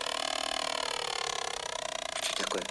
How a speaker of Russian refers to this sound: Стоящий на стуле пылесос одну за одной втягивает плюшки. Его удерживает сидящий под столом Карлсон.